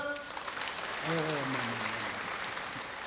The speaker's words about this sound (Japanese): お客さんに聞いてください、コウモリかエリマキとかでどっちがすごいか聞いてください。じゃあ 進化の過程で、 はい、 どっちが努力してるか、 はい、 コウモリの方がすごいと思う方拍手。